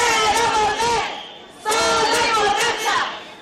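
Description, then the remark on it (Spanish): A street protest crowd in Ceuta on a Sunday, marching over sexual assaults on women and girls, chants a slogan in unison, many voices shouting loud rhythmic phrases in two bursts separated by a brief lull. “Este domingo se salía a la calle para dar testimonio del malestar por la situación de mujeres y niñas con más de una treintena de agresiones sexuales en este último mes y medio, al grito de...”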